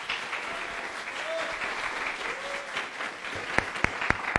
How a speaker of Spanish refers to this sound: Que se escuchen fuertes los aplausos, por favor.